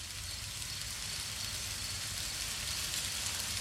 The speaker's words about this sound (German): Alexa, spiele Regengeräusche.